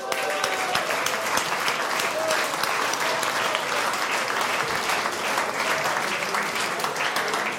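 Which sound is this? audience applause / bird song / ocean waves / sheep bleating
audience applause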